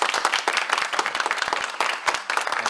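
Dense, steady applause from an audience, many hands clapping in a fast crackling patter with no pauses, fairly loud throughout and no voices standing out.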